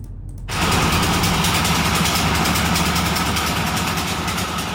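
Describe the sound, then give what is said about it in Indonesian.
Machinery kicks in after a brief moment and runs steadily, a loud, continuous mechanical drone with rhythmic clattering and a low engine rumble, no voices present: machines processing sugar palm (aren) trunks into raw material for sohun noodles in Tulung District, Klaten Regency, Central Java, Indonesia. “Mesin-mesin bekerja mengolah batang aren menjadi padi, bahan baku misoon yang menghidupi banyak keluarga.”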